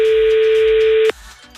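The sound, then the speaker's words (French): A single steady telephone ringing tone, calling a contestant's phone, sounds loud for about a second, then cuts off abruptly, leaving quieter background noise. “On ne va pas faire sonner tous les téléphones de la région.”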